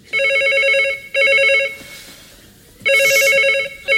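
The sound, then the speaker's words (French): A telephone rings in loud, rapid electronic trills, two long bursts separated by a pause and a third starting near the end, with no talking. “Téléphone! J'entends!”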